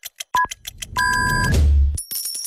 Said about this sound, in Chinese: 河南经济广播 FM 103.2准确对时，现在是北京时间1点整